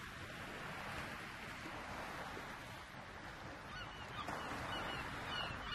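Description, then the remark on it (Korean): A dense chorus of gull cries overlaps continuously above steady wind and water noise at sea off Baengnyeong Island, the gulls flying over nets set to catch sand lance (kkanari) carried in by the current, with no voices. “갈매기들이 나는 이곳은 조류에 밀려 흘러들어온 까나리를 잡으려고 쳐놓은 그물인데요.”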